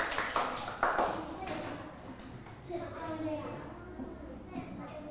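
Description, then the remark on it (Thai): A group of schoolchildren claps for group 2 during a maths lesson on fractions, in a quick, uneven burst for a second or two, then the applause fades as young voices chatter. “คุณครูติดไว้ตรงนี้ก่อนทุกคนปรบมือให้กลุ่มที่2หน่อยค่ะ”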